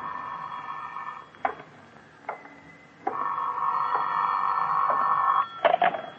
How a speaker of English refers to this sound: Phone's ringing